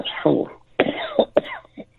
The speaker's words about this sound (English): Yeah, I just, I'm coughing here.